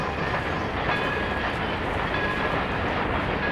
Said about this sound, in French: Mon doudou est peut-être en train de jouer au petit train.